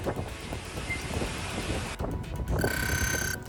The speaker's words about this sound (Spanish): Agua, granizo y fuerte viento. Las tormentas han recorrido el sureste de la península.